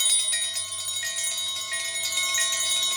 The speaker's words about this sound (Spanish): Ah, pues sí. Parece que hay muchas campanas y así. Hay campanas con campanas adentro.